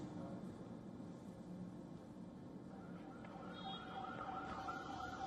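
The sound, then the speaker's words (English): An ambulance siren, from an ambulance carrying injured protesters during street clashes, wails over a dense wash of street and traffic noise, its rising and falling tone growing clearer and steadier in the second half. “Ambulances were seen carrying injured protesters.”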